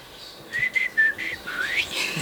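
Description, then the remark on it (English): A thin, breathy whistle wavers through a few short, uneven notes and a rising glide, sounding like a shaky, half-successful attempt at whistling, with no talking. “Well, I think that was an attempt at a whistle.”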